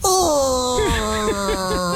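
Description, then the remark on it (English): A voice on a radio show imitates a very loud stomach growl with a strained, drawn-out groan that slides down in pitch, then wobbles through several gurgling bumps until it ends. “That was the most colossal guttural that this radio show has ever heard, and we are ground zero for gutturals.”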